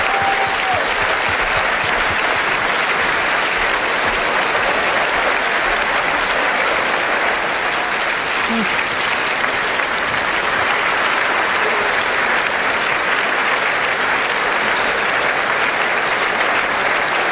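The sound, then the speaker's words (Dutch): A large audience, including the king and queen standing in their royal box, applauds steadily and loudly after a concert conducted by Sami Rachid, a dense, continuous wash of clapping that holds at full strength for the whole stretch without voices rising above it. “En ook de koning en de koningin staan nog altijd rechtop te klappen in hun koninklijke loge.”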